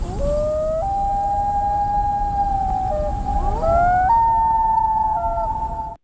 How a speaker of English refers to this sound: Yeah, it's a loon.